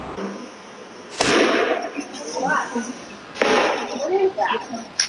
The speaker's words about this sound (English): You can hear the gunshots ringing out in security camera footage shortly after 8 p.m. as the chaos unfolded. Thousands ran for their lives when the vibrant festival celebrating Latin culture took a deadly turn.